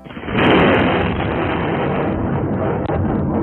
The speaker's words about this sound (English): Gosh, I didn't get lightning, I don't think, but we did get thunder last night. Big thunderstorms overnight, and of course it's been incredibly hot today. A lot of you may have been awoken by that sound in the early hours of this morning.